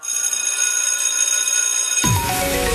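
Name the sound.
school bell ringing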